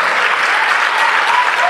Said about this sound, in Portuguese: Vamos aplaudir mais o Senhor Jesus.